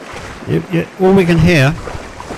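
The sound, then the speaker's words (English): Steady rushing water noise from a yacht in the Solent fills the background while a garbled, faint voice on speakerphone breaks through in short bursts over it. “All we can hear is the water.”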